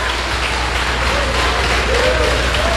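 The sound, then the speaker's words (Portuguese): A crowd breaks into sustained applause for God, a dense, steady wash of many hands clapping at once, loud and even throughout with a few faint voices mixed underneath. “Vamos dar uma salva de palmas para o nosso Deus.”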